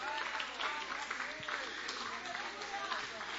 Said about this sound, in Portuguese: E a igreja pode aplaudir o Senhor, igreja.